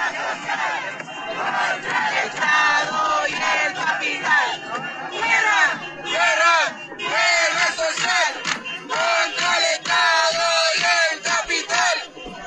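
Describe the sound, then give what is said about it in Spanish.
A large crowd at a caravan march for Luisa Toledo shouts chanted slogans against the State in unison, such as "¡Compañera Luisa Toledo! ¡Presente!", many voices rising together in loud rhythmic bursts with brief pauses between phrases, steady and forceful throughout. “Siempre el grito contra el Estado.”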